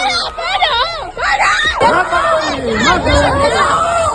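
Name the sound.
crowd shouting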